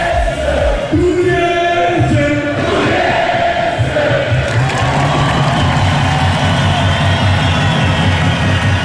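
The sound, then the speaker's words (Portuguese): A loud, continuous street celebration in Torres Vedras, Portugal, as football fans celebrate Torriense winning the Taça de Portugal: a crowd cheering and shouting over idling engines, with blaring horns early on and a dense wall of festive noise throughout. “Até lá, a festa vai-se fazendo assim.”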